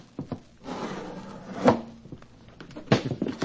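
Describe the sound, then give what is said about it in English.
A wooden window frame of a house scrapes and rubs as it is pushed open to get inside, with a sustained grinding slide and a couple of sharp knocks or jolts along the way, with no voices. “We get in somehow with as little fuss as possible. Well, we will just try this window.”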